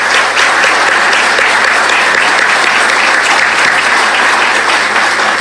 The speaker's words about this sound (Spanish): Es muy importante para nosotros su presencia. Un fuerte aplauso, por favor, para ellos.